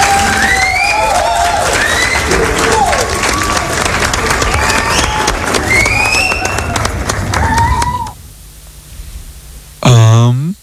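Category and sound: crowd, audience applause and cheering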